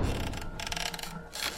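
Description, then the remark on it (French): An apartment door opens with a few mechanical clicks and rattles of the latch, a short burst of scraping noise, then a louder rustle at the end. No voices. “Ou de la porte de notre appartement qui s'ouvre.”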